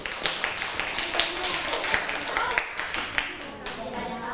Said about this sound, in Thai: และนักเรียนปลายทางนะคะเห็นด้วยกับเพื่อนไหมคะถ้าเห็นด้วยนะคะปรบมือให้เพื่อนด้วยค่ะ